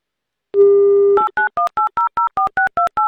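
Telephone tones as the Avtoradio radio station calls a listener in Krasnodar Krai: a steady dial tone for about half a second, then a quick, even run of about ten two-pitched keypad beeps, loud and with no voices.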